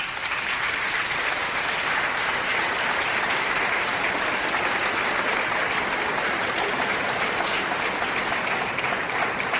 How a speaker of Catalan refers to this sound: un aplaudiment per ella